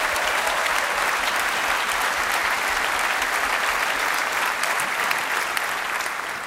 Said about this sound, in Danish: Giv ham bare lige et ekstra bifald.